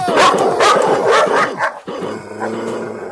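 A dog barks loudly in a quick, rapid series of sharp barks, then the barking breaks off and gives way to a softer, drawn-out whining sound.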